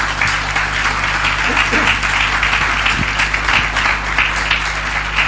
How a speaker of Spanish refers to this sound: ¿Quiere darle un aplauso al Señor y a su palabra?